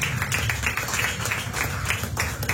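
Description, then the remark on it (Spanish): An audience clapping their hands together as an offering of applause to the Lord, in a steady, fairly quick rhythm, many hands blending into one dense, continuous patter with no one speaking over it. “Ahora les ofrenda de palmas al Señor.”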